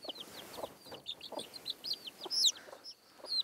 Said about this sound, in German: Au, du blöde Henne, du. Ist nicht so einfach, einen Huhn auszutricksen. Ist auch richtig hartnäckig.